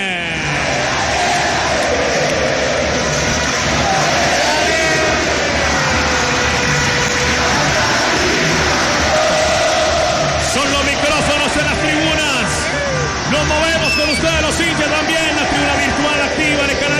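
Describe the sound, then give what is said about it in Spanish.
A dense, loud roar of Deportivo Cali football fans cheering and chanting in a stadium during a match, a steady wall of many voices that carries without a break from start to finish. “Y escuchen los hinchas de Cali los micrófonos de la FM”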